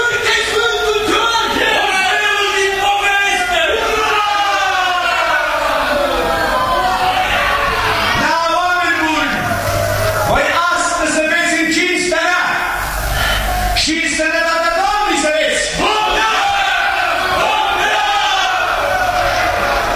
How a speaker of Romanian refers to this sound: Mulțimea îl întâmpină pe despot cu urare.